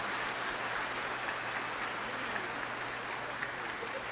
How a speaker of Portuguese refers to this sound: Uma salva de palmas ao nosso coral municipal.